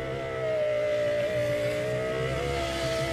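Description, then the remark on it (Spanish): An electric juice maker runs with a steady, loud motor whine and a buzzing hum, continuous for the whole stretch with no voices. “Ay, también suena, espérate, es algo de la cocina. Algo de una licuadora. ¿La licuadora? Juice maker.”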